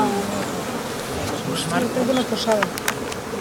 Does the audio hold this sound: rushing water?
no